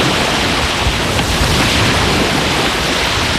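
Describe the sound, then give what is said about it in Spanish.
Steady, loud rush of surf mixed with wind at Las Canteras beach in Las Palmas one morning, a dense continuous roar with no distinct breaks or voices, holding at an even level throughout. “se bajó una mañana a la playa y esto es lo que le han dicho.”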